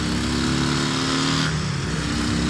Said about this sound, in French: Bon, maintenant, et ce morceau là, son moteur de drague, on va voir un peu ce qu'il a dans le ventre.